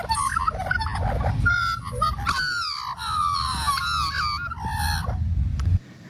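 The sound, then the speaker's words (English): A magpie's harsh, warbling calls ring out in a rapid, varied sequence of loud chortles and squawks, heard alone over steady low background noise for several seconds. “Let me give you a moment of magpie then as we get to know it better.”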